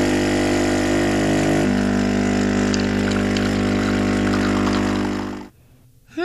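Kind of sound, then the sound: household object, coffee machine brewing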